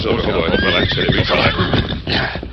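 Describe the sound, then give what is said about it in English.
A horse neighs loudly as the Lone Ranger and Tonto rein up at night at the mine superintendent's shack, its shrill whinny rising and wavering over a dense, busy background of hooves and movement for a couple of seconds. “They reined up at the shack where Wilkins, the mine superintendent, lived.”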